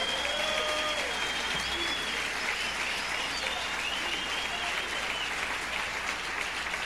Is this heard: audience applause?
yes